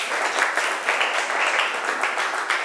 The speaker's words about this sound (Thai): เพื่อนทำเสร็จแล้วนะคะปรบมือเพื่อนหน่อยค่ะลูกเก่งมาก